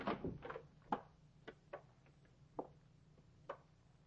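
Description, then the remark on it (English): An unlocked cabin door at a tourist camp is opened by FBI agents: a short rattling scrape at the latch, then a scattered series of sharp wooden clicks and light knocks as it swings, with no one speaking. “Try the door, Perry. Well, it's unlocked. Let's go in.”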